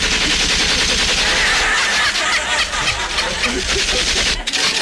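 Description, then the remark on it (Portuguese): A dense, rapid burst of gunfire sound effect rattles on for several seconds, loud like an automatic weapon, with faint voices or laughter mixed underneath. “Com muito orgulho, com muito amor e com muito tiro.”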